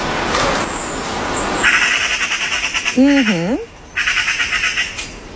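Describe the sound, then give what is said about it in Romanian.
A magpie's harsh, rattling chatter comes in two fast bursts of rapid clacks, fairly loud, with a brief wavering tonal call between them over a noisy background. “Eu am aflat ceva nou și voi aflați acum că da, mai înainte sunetul era de țarcă. Da, de coțofană.”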